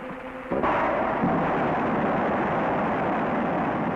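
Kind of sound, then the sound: machine, rocket engine test firing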